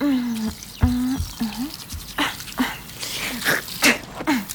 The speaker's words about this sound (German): So, jetzt nur noch Zähne putzen.